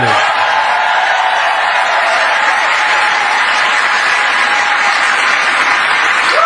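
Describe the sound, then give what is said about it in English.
A room full of people applauds and cheers loudly and steadily for a speaker who listed reasons he doesn't love America, dense clapping with a few whoops mixed in, holding at an even level throughout with no speech on top. “Can you imagine a room full of people cheering at a guy who lists all the reasons why he doesn't love America?”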